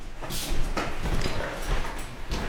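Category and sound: household object, door being opened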